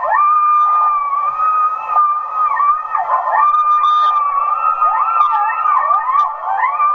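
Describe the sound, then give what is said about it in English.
A chorus of coyotes howling together, one long steady wail held throughout while other voices swoop, waver and yip over it, loud and continuous with no talking. “And those are coyotes.”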